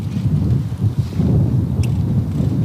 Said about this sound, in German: Der Wind bläst heftig auf dem früheren Formel-1-Rennkurs bei Solda, das gut 45 Kilometer westlich von Maastricht entfernt liegt.